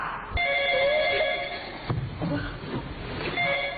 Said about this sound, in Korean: 야 전화 왔다. 나와 전화 받아라.